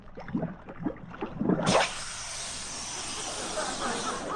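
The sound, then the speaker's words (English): A man talks briefly, then a sudden loud, steady hissing fizz bursts in and continues unbroken to the end, broad and bright, as a homemade spot remover solution is poured over the spots on a jacket lying on a table. “Now, we'll just put Julius' jacket on the table here, take our solution, and pour it over the spots like so.”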